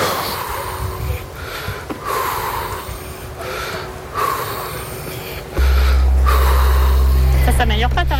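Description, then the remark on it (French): Heavy, labored breathing with a raspy wheeze, repeating in slow, strained cycles of inhale and exhale, loud, with a low engine-like hum joining in near the end. “Ça n'améliore pas ta respiration. Non. C'est de pire en pire.”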